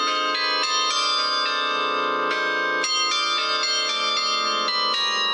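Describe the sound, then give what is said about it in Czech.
Carillon bells of a town tower ring out a melody, with many bright tuned strikes overlapping in a steady flowing rhythm, their rich resonant tones sustaining and blending. Loud and continuous, with no voices. “No, protože oni mají jako hlavní úkol koncertovat v tom městě, kde jsou takzvaně statutární a hrají třeba při příležitostech, když je v sobotu trh, tak aby se lidem dobře nakupovalo, tak k tomu hraje zvonohra z městské věže.”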